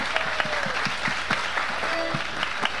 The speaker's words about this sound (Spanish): Así que para ellos y para ustedes, nuestro aplauso. Gracias por estar.